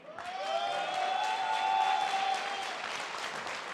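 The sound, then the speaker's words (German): An audience applauds as the federal guild master of stove fitters, tile layers and ceramicists is invited onto the stage, dense, continuous clapping that stays fairly loud throughout, while a sustained, bright tonal note rings underneath for most of the applause before fading out. “das ist Ihr Applaus.”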